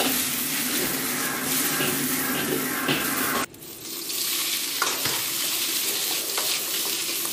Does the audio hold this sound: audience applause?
no